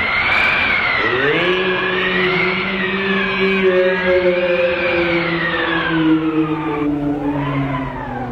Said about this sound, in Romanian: Vântul șuieră besmetic pe afară.